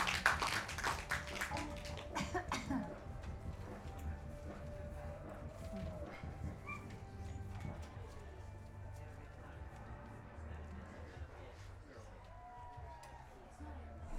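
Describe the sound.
An audience at a live music gig applauds a performer in a dense, continuous patter of many hands, strongest at the start and holding steady for the rest, with some voices mixed in beneath the clapping.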